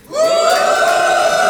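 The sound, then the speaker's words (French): A comedy show audience boos a comedian's joke together in one long, steady, drawn-out vocal drone that swells in quickly and holds loud for the whole moment, with no one speaking over it. “Ok, qui a envie de me huer ?”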